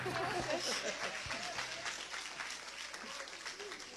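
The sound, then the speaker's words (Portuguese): A church audience breaks into sustained applause to welcome a woman about to sing a hymn, dense overlapping claps filling the whole stretch at steady loudness, with scattered voices calling out beneath the clapping. “Receba a serva de Deus com palmas para Jesus.”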